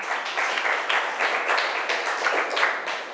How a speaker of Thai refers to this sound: ปรบมือให้เพื่อนค่ะ